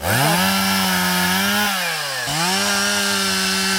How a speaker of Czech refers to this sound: Nejprve si tady dobrovolníci nařezají kusy dřeva, pak se chopí lopat a krumpáčů a v jedné z prohlubní v lese začínají vykopávat strouhu.